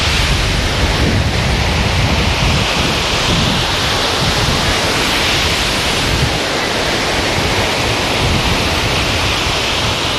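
Heavy surf roars loudly and without a break, big waves churning and crashing in a dense, rumbling wash of sound with no voices.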